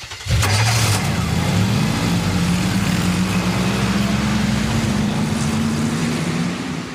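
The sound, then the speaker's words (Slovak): A loud engine roar starts abruptly as a traffic light turns green and holds steady, a low rumbling drone with rising pitch as all the cars pull away, continuous for several seconds with no voices. “Blik, na semafore naskočila zelená a všetky autá vyrazili s divokým hukotom vpred.”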